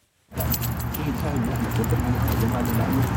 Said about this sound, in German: ist der Mann der Schlüssel am Nationalmuseum in Khartoum. Wenn er über das Gelände am Ufer des Blauen Nils läuft, klimpert es an seinem Hosenbund